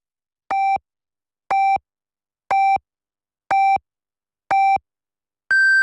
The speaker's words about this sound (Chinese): 北京时间14点整， 正点报时，由益友国际汽配用品展贸中心及益友广元东汽配城特约播出。